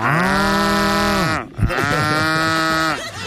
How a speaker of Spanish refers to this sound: No, y lo peor es que uno dice, ay, ve, ¿qué le habrá pasado al carro de la vaca? Sí, uno piensa. Uno ya se preocupa porque oye la vaquita, ¿por qué no suena? ¿Cómo es que suena la vaca?